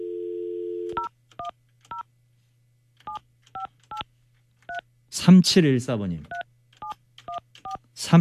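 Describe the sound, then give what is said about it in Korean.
A brief dial tone gives way to a quick series of short telephone keypad beeps, evenly paced, with a man speaking briefly in the middle and the tones continuing afterward, as a radio host dials a listener on a regular landline. “3714번님께 제가 전화 한번 할게요.”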